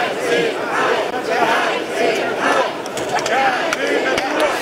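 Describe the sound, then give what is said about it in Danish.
A crowd of protesters chants slogans such as "Ja til natur, nej til hegn" in loud, rhythmic shouts outdoors at the opening of a new national park in Gribskov, protesting a 22 km fence. Voices rise and fall together, with a few sharp claps scattered through the steady crowd noise. “Til lyden af både klapsalver og protester.”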